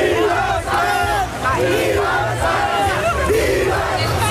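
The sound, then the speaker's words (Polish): A large crowd of Spanish football fans in New York roars and chants, celebrating right after the final whistle of Spain's 1-0 World Cup final win over Argentina after extra time, many voices overlapping in loud, continuous rising shouts with rhythmic swells, no single speaker standing out. “Zaraz po ostatnim gwizdku w Nowym Jorku zaczęło się świętowanie.”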